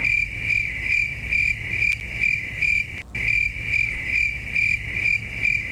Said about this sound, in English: That's what I hear most days, but if you're out in the wilderness or just in the backyard, you may hear those crickets,